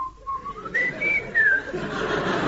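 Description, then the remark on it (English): A person whistles a bird-like call, a thin tone sliding between steady notes and rising trills, clear over a faint background hiss. “I told him he could whistle for it. What did he say to that?”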